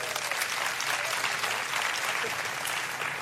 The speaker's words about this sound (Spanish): Vente por acá, denle un buen aplauso a ellos.